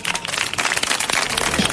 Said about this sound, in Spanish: Y eso merece ser reconocido. Un fuerte aplauso.